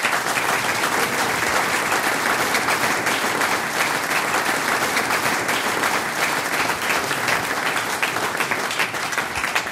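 Sustained audience applause fills the whole stretch, a dense, steady wash of many hands clapping at an even loudness with no voices standing out.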